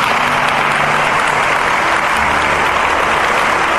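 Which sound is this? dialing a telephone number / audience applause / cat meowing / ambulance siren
audience applause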